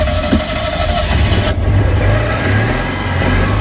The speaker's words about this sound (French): Je vous présente ma voiture, donc c'est une Citroën Diane 6 de 1979. Elle monte à combien ? Il faut que je fasse attention au radar parce que je suis au moins à 70. Et ça vibre à l'intérieur ? Oui, on sait quand le moteur tourne.